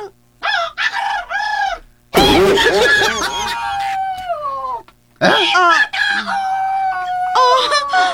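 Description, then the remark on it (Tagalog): A few short, clipped clucks, then a long, loud rooster crow that trails off in a falling tone, followed by another burst of crowing and squawking, all clear. “Napadyod ko na ang mga manok. Ha? Manok! Tingog manok!”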